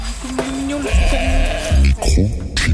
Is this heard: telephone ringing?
no